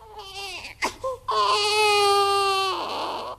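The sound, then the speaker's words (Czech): A baby boy wails in loud, sustained cries with a high, strained pitch, starting with a couple of short whimpering bursts before a long drawn-out howl that fades slightly at the end. “Neplakej, chlapečku můj nejsladší.”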